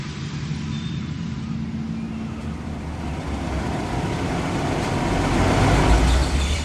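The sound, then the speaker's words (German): A car's engine rumbles steadily, with low road and motor noise that swells gradually louder toward the end, as the car pulls up and stops on the parking deck of a large ship. “Okay, der Wagen steht gut. Ziehen Sie die Handbremse fest an.”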